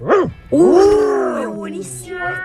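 A loud burst of dogs fighting: a sharp bark followed by a long, strained snarling yowl that rises and falls, with more agitated vocalizing trailing off at the end.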